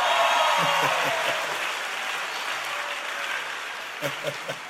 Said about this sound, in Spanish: pero déseme un aplauso.